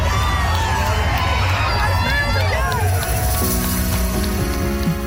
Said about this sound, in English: A record 6,000 people marched together through the streets and thousands more lined the sidewalks, smiling, cheering, and everyone just dancing and having a fun time together.